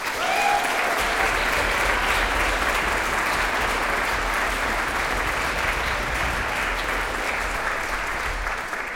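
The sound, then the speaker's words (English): A large concert audience applauds steadily for musicians Emilia Amper, Ulla Linde and Dan Knagg, a dense wash of clapping that stays loud and even throughout, with a few brief cheers or whistles near the start. “So a big please applaud for Emilia Amper, Ulla Linde and Dan Knagg.”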